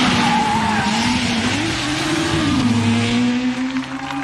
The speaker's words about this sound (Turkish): Numara 10 geliyor. Ama bu kesinlikle Schlesser değil. Bu bir taksi. Numarasını da alamadım.